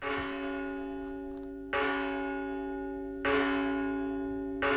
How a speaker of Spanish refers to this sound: Sí, de campanas, porque ayer Alberto Gil Iriondo estuvo en Santa María, en la Catedral Vieja, grabando sus campanadas en un proyecto para digitalizar este sonido y hacer una especie de campanario virtual